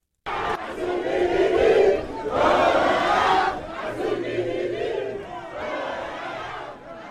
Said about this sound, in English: Its first goal in World Cup history, the crowd went wild.